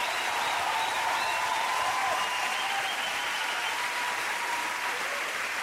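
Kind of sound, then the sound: crowd, applause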